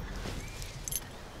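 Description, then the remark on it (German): A brief, faint metallic jingle of a single key, lost weeks earlier during a forest run and just found, a quick bright clink lasting under a second against a low rumbling background, with no voices. “Ein Schlüssel? Nicht ein Schlüssel, mein Schlüssel.”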